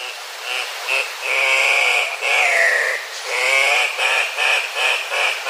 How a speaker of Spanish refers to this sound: El gallito de roca que estamos escuchando tiene un trino poco melodioso, pero es una de las aves más vistosas que se puede observar en la zona andina de Sudamérica, lo cual lo convirtió, paradójicamente, en una especie amenazada.